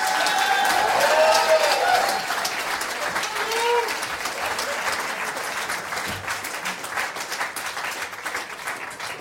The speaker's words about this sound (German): Riesen Applaus du mal für euch zwei.